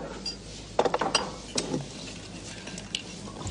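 Ice cubes clink against the sides of a glass of bourbon in a quick cluster of bright taps, then a few softer scattered knocks as the cubes settle, with no talking.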